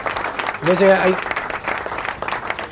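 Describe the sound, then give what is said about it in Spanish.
A small group claps steadily for a few seconds, a thin, scattered patter rather than a big ovation, with a voice briefly calling out over it early on. “Fantino le pagaba más a los aplaudidores.”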